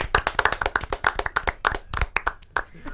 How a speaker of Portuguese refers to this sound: Palmas pra Gabriel Bortoleto.